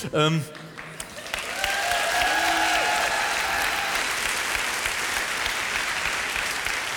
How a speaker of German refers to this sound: Viel Applaus, ein Buh.